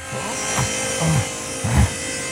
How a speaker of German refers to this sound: Ja, ich habe eine einfache Fichtenpaneele dritter Wahl gekauft. Die säge ich jetzt mal eben zurecht.